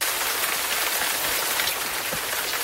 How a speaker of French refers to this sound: Mais il y a aussi la pluie tropicale dont vous m'avez parlé